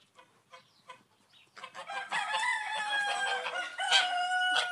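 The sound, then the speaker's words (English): A few short, quiet clucks give way to a rooster's loud, drawn-out crow, one long strained call that holds for several seconds. “he's like half a duck and half a rooster, because he's always hanging out with the roosters”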